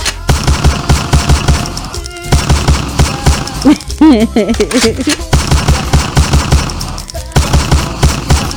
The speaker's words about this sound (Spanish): Unos balazos al Alan, mami. Ahí te va, Alan.